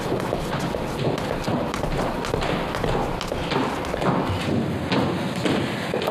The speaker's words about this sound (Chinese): 怎么敲门也不开，像是在上面哭呢？